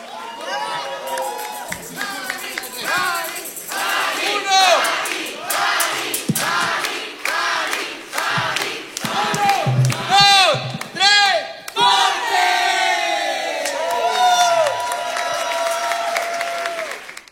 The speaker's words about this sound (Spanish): aplauso. Gracias a todos. Me han dado una noche muy bella. Gracias.